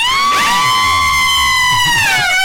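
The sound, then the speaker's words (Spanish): A loud, sustained, high-pitched scream holds one piercing shrill tone for over two seconds, wavering slightly before dipping at the end, with a fainter rumble of other voices underneath. “Gritos, gritos, gritos, por favor.”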